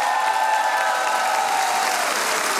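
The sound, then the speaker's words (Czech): Steady, dense applause from a large audience packing the cultural house (kulturní dům) in Čelákovice during the Czech Radio show Rozhlas jede za vámi, loud and continuous throughout with a faint hint of cheering mixed in, filling the hall without any speech. “díl pořadu Rozhlas jede za vámi a takhle vám tleská nabitý kulturní dům v Čelákovicích.”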